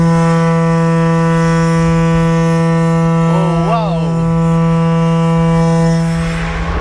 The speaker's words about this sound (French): Alors ici, on vient d'entendre une corne de brume de 6,50 m de long, de 1,20 m de diamètre à l'embouchure. Et donc, bah, c'est une corne de brume comme celle qui était utilisée jadis sur les bateaux,